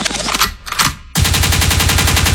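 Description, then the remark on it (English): A burst of loud, crackling gunshot sound effects fires for about a second, then abruptly cuts to a thumping, beat-heavy music track. “Big good means rewind, a gunshot means forward.”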